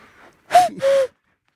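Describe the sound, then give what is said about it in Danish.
A person imitates a cuckoo by blowing into folded, cupped hands to call cuckoos: two breathy, hollow hoots, a short higher note followed by a longer, slightly lower one, clear and fairly loud with no talking. “Fordi hvis man bare laver den der med at folde hænderne og så kukke som en gø, så kommer hænderne hen på et tidspunkt for at se, hvad helvede er du for en idiot?”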